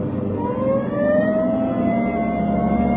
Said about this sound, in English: Hit the siren.